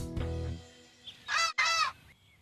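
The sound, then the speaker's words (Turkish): A bird calls out twice in quick succession, each call a loud, harsh, honking squawk, following a brief low tonal sound at the start. No one speaks. “Allah'ım, iki inatçı kuşun arasında kaldım.”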